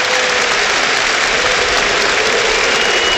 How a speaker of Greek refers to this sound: Χειροκρότημα από τον κόσμο εδώ. Απίστευτο. Απίστευτο.